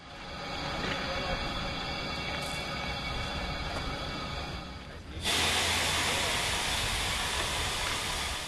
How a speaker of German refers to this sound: Unser Zug wird zur Weiterreise umrangiert. Unsere MA 403 sehen wir erst ab Gelivare wieder. Als Zuglok bekommen wir ab hier eine Diesellok, eine Nohab TMZ 109.